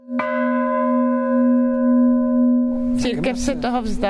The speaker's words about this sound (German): Wenn sie auf den Kirchturm klettert, über alte, ungesicherte Bretter, die als Stufen dienen, dann schlägt sie oben mit der Hand die Glocke an. Das ist ihr kleines Ritual.